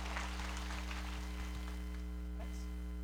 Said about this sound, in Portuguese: Vamos dar uma salva de palmas a Nossa Senhora. Viva Nossa Senhora.